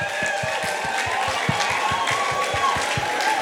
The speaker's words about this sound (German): Yes! Macht mal Applaus für euch selbst!